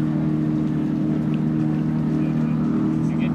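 A 2000 Donzi ZX speedboat comes down the race course, its engine droning steadily and loudly for the whole stretch, a deep rumbling hum with a throaty harmonic buzz that holds constant rather than fading away.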